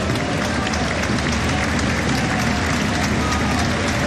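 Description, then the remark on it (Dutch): A stadium crowd at an Anderlecht football match applauds steadily as Mané is substituted off, a dense, continuous wash of clapping and crowd noise that holds at a constant loud level for the whole stretch without any voice standing out. “Mané onder applaus en ook Herman voor hen.”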